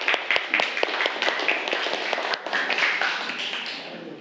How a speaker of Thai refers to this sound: กลุ่มไหนคะกลุ่มที่1นะคะก่อนอื่นปรบมือเพื่อนก่อนเร็ว